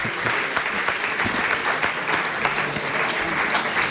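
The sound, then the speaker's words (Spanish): Sustained applause from an audience in Alicante, a dense steady patter of many hands clapping throughout, fairly loud, with no voices standing out. “un aplauso para”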